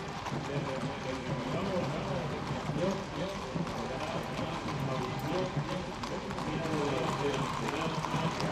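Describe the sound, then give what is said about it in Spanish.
Many horse hooves clip-clop in a steady, overlapping rhythm from a mounted escort of cuirassiers on horseback escorting the Rolls carrying the king and queen as it leaves the Plaza Cánovas del Castillo (Neptuno), under a dense wash of crowd noise and voices that continues throughout. “Y así, con estas imágenes, con la imagen del Rolls con los reyes, de los coraceros a caballo dando escolta, despedimos.”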